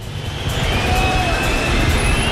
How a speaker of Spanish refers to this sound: que está llegando el autobús del Real Madrid